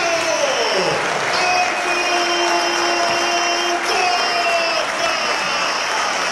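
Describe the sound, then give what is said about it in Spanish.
A large audience claps for Costas continuously in a dense, steady roar of applause, with crowd cheering and thin, sustained whistle-like tones running through it for the whole stretch. “Y los aplausos cerrados para Costas.”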